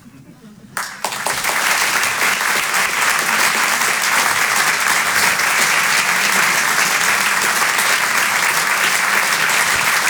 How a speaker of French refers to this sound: Merci beaucoup. Merci d'applaudir très fort Emmanuel Baudin en direct sur Rire et Chanson.